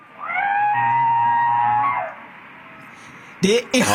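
A person wading into cold sea water lets out a long, wavering, drawn-out cry, then after a pause gives a short rising yelp over a brief rush of splashing noise.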